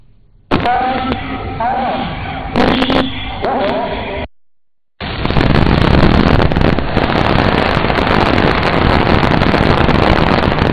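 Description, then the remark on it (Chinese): A Zhuque-3 rocket's engine roar at liftoff in China, a loud, dense, continuous rumble that fills the last half. Before it comes a few seconds of indistinct voices over background noise, then a brief silence. “随着鞭炮口令的响起，朱雀三号直冲云霄，火箭起飞两分钟后，舰体一二级顺利分离。”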